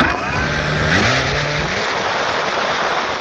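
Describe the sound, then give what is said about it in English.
A steady, loud mechanical buzz of a military drone at the former Soviet military base in Milovice, northeast of Prague, with a motor-like whine that rises and shifts in pitch over a broad, continuous roar, with no voices present. “This buzzing is becoming one of the defining sounds of modern warfare.”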